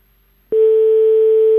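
A telephone ringing tone on the line: after a brief silence, a loud, steady single-pitch hum starts abruptly and holds unbroken to the end, with a slightly buzzy edge and no voices.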